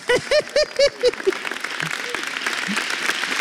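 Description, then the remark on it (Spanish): An audience at the Jesús Te Ama church applauding God: a run of short, high-pitched rhythmic vocal cries gives way to a dense, steady wash of clapping that continues at a moderate level to the end. “Ese aplauso tiene que ahora ser mucho más fuerte por la bendición de familia pastoral que nos ha dado Papito Dios.”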